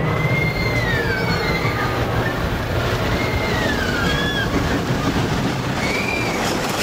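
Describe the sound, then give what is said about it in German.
A roller coaster rumbling steadily along its track, a loud continuous low roar with rattling wheels and repeated high metallic squeals rising and falling over it. “Wow, in einer Achterbahn wird man echt durchgeschüttelt.”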